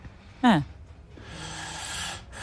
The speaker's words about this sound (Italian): è già un bel russare. È già un bel russare. Bello.